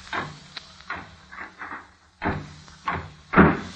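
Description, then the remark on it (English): A library door swings shut amid a series of wooden bumps and clunks, ending in one louder thud as it closes. No one speaks. “I'd better lock the library door.”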